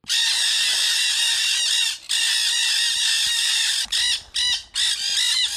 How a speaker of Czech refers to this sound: Bylo to hejno Arating černohlavých. Myslím si, že by mohli vyléčit i neslyšícího.